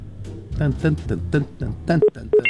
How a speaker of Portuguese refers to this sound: Ó, internet discada aqui.